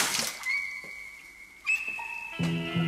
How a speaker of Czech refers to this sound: Šplíchnu mu na hřebínek putínku vody, aby ochladl, než si to rozvážíš, cínaři.